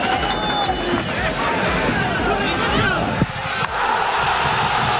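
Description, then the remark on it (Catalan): A packed crowd at Sabadell's Nova Creu Alta stadium erupts in a dense, sustained roar of celebration after Urri's 89th-minute penalty goal against Córdoba, in a 3–2 win. Voices blend into loud continuous cheering, with a brief sharp thud partway through. “Tres a dos, ahir contra el Córdoba, amb un gol de penal d'Urri al minut 89 i que va fer esclatar, com escolteu, d'eufòria la nova Creu Alta.”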